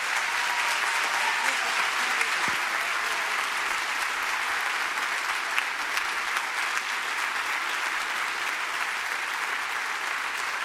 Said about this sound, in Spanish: Así que hacemos algo distinto, nos ponemos de pie y lo recibimos con un fuerte aplauso al pastor Brian Alarid.